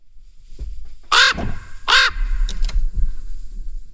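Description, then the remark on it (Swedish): A common raven croaks twice, two loud, harsh, resonant calls spaced about a second apart, followed by a couple of fainter, shorter sounds against a low background rumble. “Så här låter en korp.”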